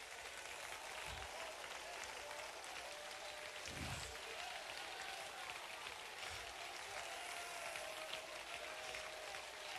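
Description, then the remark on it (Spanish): A church audience applauds the King of Kings, ten minutes and counting, in a dense, continuous wash of clapping that never lets up, with a few low thumps breaking through and a faint hum of voices underneath. “Diez minutos y contando y la gente sigue aplaudiendo al Rey de Reyes.”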